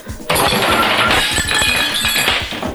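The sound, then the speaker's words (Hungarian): A plate is knocked off and falls along with a revolver: a loud crash of breaking crockery bursts in suddenly, followed by a scattering of sharp clinks and rattling shards that keep tumbling for a couple of seconds. “Lesotortad a tányérrel együtt a Stukkert is.”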